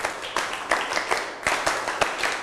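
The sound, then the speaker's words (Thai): A class of students claps together in one rhythmic set on the teacher's instruction, several sharp, evenly spaced beats ringing out clearly, with no talking over them. “หันหน้ามาทางครูครับไม่ทำอย่างอื่นแล้วนะทั้งต้นทางและปลายทางนะครับไม่ทำอย่างอื่นแล้วนะครับปรบมือ1ชุด”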